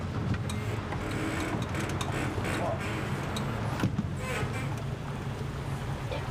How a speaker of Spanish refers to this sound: Las lanchas a motor se consideran asunto de hombres.